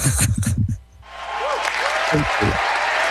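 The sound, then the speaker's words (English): A voice speaks briefly, then steady applause rises and continues to the end, a dense patter of clapping with a few voices talking over it. “That man is so stingy with the applause”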